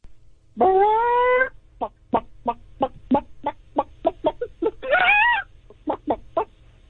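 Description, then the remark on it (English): A person imitates a chicken: a long squawking call, then a rapid run of short, evenly spaced clucks, another drawn-out squawk, and a few final clucks, loud with no other talking. “I could do a chicken.”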